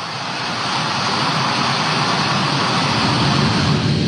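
The last C-17 military transport plane, carrying the remaining troops, roars on takeoff from Hamid Karzai International Airport on August 30th: a loud, dense engine rumble that holds steady and swells slightly over a few seconds, with no voices.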